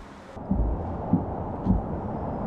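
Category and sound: anti-aircraft gun firing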